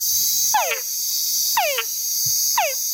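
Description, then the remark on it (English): A túngara frog male gives three whine calls, each a short descending sweep, evenly spaced about a second apart, over a steady high-pitched insect chorus in the background. “And the males of this frog make a sound that we call a whine.”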